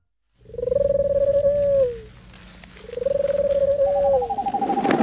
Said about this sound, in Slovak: to bola len sova. Neboj sa, sovy nežerú ľudí.